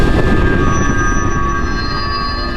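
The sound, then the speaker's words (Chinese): A train, standing for the one Zhang Zuolin chose to take out of Beijing toward Fengtian (Shenyang), rolls steadily along the rails with a loud, continuous rumble and a faint metallic whine riding above it. It is constant, with no voices. “所以张作霖反复考虑再三，最后还是决定坐火车。”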